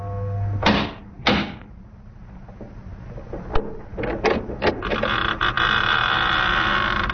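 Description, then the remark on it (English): A massive oak door of a chateau on a high bluff thuds twice, then clicks and rattles before swinging open with a long creaking groan that fills the last seconds. No one speaks. “In a few moments, my bare feet were padding up stone steps, and I stood in front of the massive oaken door.”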